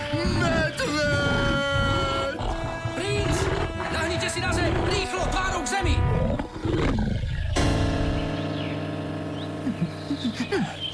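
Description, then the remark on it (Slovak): A bear roars loudly and repeatedly, its growls layered over heavy crashing and rustling as it charges through bushes, fading into a lower rumble near the end. “Tuším, mi ten medveď dýcha na krk.”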